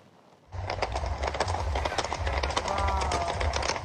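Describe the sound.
A loud, dense clatter of many hooves pounding on pavement starts abruptly and keeps going, with a low engine rumble underneath and indistinct voices in the background, as dozens of loose horses run through streets busy with cars and people in central Rome, Italy, on a Friday night during a rehearsal for the parade marking the Italian Republic's 80th anniversary.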